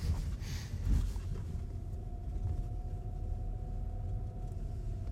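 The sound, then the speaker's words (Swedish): A car drives steadily in Skellefteå, its low engine and road rumble filling the whole stretch, with a faint thin whine rising partway through. No one speaks. “Det var där jag klev i bilen.”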